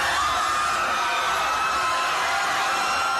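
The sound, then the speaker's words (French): A dense crowd screams and yells in panic, a continuous loud wall of overlapping shrieks and shouts filling the whole few seconds without letup. “La foule qui crie. La foule est en panique.”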